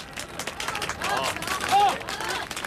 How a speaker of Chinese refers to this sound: 鼓掌欢迎。